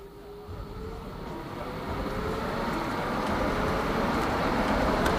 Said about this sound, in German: So, das ist der Klang von der Straßenbahn. Den haben wir jetzt eingefangen. Die Straßenbahn ist schon weg. Aber wir können sie immer noch hören.